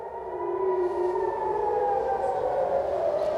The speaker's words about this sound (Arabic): نعم، صفرات الإنذار تشمل عشرات البلدات وبينها المدن المركزية وكل المنطقة الممتدة من القدس إلى تل أبيب الكبرى ومنها شمالا حتى مناطق الجليل الأعلى بعد رصد صواريخ أطلقت من إيران على هذه المناطق.